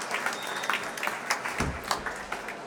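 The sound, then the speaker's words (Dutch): An audience applauds in a concert hall, seated on the stage beside the stairs, a dense wash of many hands clapping steadily throughout with a reverberant sound and no talking, as soprano Gendreis and Lahav Shani climb the stairs at a farewell concert. “Afscheid nemen van een dankbaar publiek dat hier op het podium, naast de trap, opnieuw weer applaudisseert voor deze twee.”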